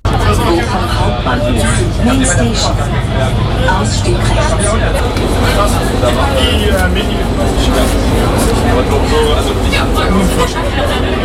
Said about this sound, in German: Angekommen am Bochumer Hauptbahnhof. Ein bisschen erleichtert steige ich aus der U-Bahn aus.